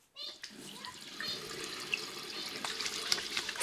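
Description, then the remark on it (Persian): Tap water runs steadily into a sink as paint-covered hands are washed with soap beneath it, a continuous splashing hiss that starts abruptly and grows slightly louder toward the end. “صابون و آب. بشور، بشور.”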